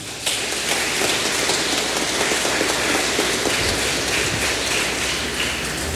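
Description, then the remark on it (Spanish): A crowd at San Felipe de Neri parish claps for the priest, a dense, even crackle of many hands that starts abruptly and holds at a constant level for several seconds, with no voices over it. “Un aplauso para el padre.”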